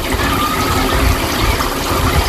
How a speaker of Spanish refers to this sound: mi hermana se puso a darle al grifo para enjuagárselos y sorpresa, dice, uy, este sonido valdrá para el Faro